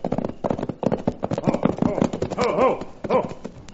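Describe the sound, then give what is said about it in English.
Fast, rhythmic hoofbeats of a horse ridden by a marshal, galloping toward the listeners, pound steadily and fairly loud throughout, with a brief harmonic cry rising over the hooves near the end. “Then suddenly we heard the unmistakable sound of a horse racing toward us.”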